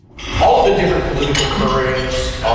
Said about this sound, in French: Entre les claquements de couverts, mardi midi au Royal Glenora Club à Edmonton, les deux anciens premiers ministres rappellent aux Albertains de voter pour le maintien de la province au sein du Canada.